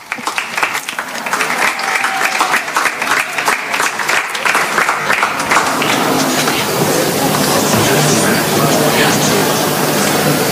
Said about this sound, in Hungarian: Mi pedig egy nagy tapssal köszöntsük őt.